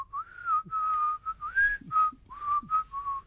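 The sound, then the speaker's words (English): A person whistles a song melody, a series of clear, steady notes with slight pitch glides, broken by brief pauses in a lilting rhythm. No one talks. “I quite like the whistling part in the song.”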